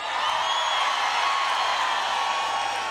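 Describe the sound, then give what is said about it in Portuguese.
A large crowd in Cascais, Portugal, at the RFM Festas do Mar 2026, roars and cheers before a band concert in a dense, steady wash of noise that holds at full loudness for the whole three seconds, with no single voice standing out. “Estão prontos ou não? Façam barulho, Cascais!”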